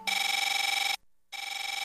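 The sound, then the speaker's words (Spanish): An old cell phone ringtone trills loudly in two buzzy, warbling electronic bursts separated by a brief pause, with no voices. “¿Tu celular todavía suena así?”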